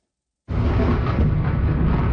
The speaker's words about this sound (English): Waves of missiles hitting Ukraine's capital, Kyiv. More than a dozen explosions were heard in the city overnight.